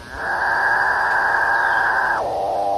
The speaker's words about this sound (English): Like there's the capuchin bird. Now, they live deep in the Amazon, and they kind of sound a little bit like a cow mooing, but not even that pleasant.